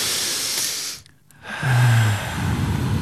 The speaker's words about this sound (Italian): Rilassatevi, rilassati. Adesso al mio tre, un bel respiro. Uno, due, tre.